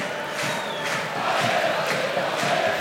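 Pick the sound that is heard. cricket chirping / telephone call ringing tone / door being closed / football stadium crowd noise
football stadium crowd noise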